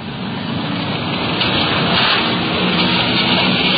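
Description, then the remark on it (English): A detective unit police car cruises along a street with a steady, unbroken roar of engine and road noise, a dense hiss that holds even for a few seconds, with no voices or siren, while a strong wind whips the trees along the street. “We're cruising in the area.”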